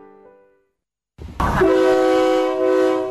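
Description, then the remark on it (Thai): After a brief quiet, a loud train horn blares with sustained harmonic tones over the broad rumble of a passing train, holding steady to the end; a State Railway of Thailand air-conditioned KiHa 40/48 diesel railcar on the Don Mueang–Ayutthaya route. “การรถไฟแห่งประเทศไทยเปิดให้บริการขบวนรถดีเซลรางปรับอากาศคิฮะ4048เส้นทางดอนเมืองอยุธยาทุกวันจันทร์ถึงวันศุกร์แบบไปกลับรวม6ขบวนต่อวัน”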